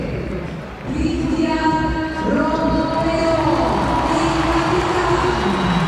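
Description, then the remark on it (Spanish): A stadium crowd applauds in a loud, continuous roar as the stadium announcer reads out Argentina's lineup and names Cuti, with sustained tonal chants or horn-like notes riding over the dense clapping and cheering throughout. “Muy bien, el aplauso para el Cuti.”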